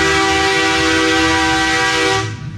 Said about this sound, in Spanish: Llegó con toda, llegó con el claxon súper alto.